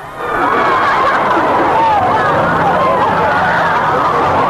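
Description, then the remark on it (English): An excited crowd of swooning teenage fans shrieks, squeals and chatters all at once outside Caxton Hall as popular singer Dickie Valentine and his bride, ice skater Betty Flynn of Glasgow, come out after their wedding. It is a loud, dense wall of high voices that swells in quickly and stays steady throughout. “When the happy couple came out, he married ice skater Betty Flynn of Glasgow, the swooning teenagers fairly went crazy.”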